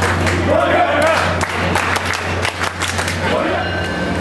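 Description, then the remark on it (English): A dense crowd of fans cheers and chants as they board a train at South Station bound for Foxborough, with sharp claps and overlapping voices over a steady low rumble, loud and continuous throughout. “When the train doors open, the crowd cheers and chants as they hop on.”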